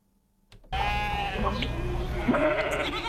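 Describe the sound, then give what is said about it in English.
After a brief silence, a flock of Australian merino sheep bursts into loud, overlapping bleats that continue steadily, several animals calling at once. “The merino is the Australian aristocrat, the best of his kind, the backbone of the wool industry.”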